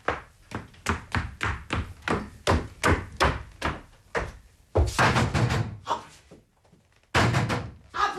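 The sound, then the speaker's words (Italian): Someone pounds hard on a door, about a dozen quick, heavy blows in a rapid rhythm, followed by a few louder, rattling crashes, forceful. “Apri! Adele! O butterò giù la porta!”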